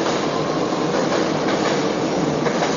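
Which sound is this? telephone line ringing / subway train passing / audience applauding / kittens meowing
subway train passing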